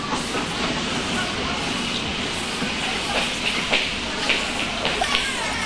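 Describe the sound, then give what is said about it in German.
A train rolls into a small village station, its steady rumble and hiss filling the scene, with occasional clacks and clanks of the cars. The sound stays dense and fairly loud throughout. “Da traf der Zug in den kleinen Bahnhof ein”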